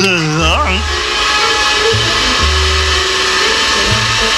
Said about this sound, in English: Pumping Jehoshaphat and distortion and feedback. That's the vacuum cleaner. Oh, yes, yes. So it is. The vacuum cleaner.